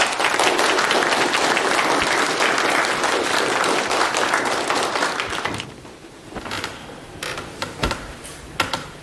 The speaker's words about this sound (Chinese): 现在我们以热烈的掌声欢迎陈独秀先生给我们讲话。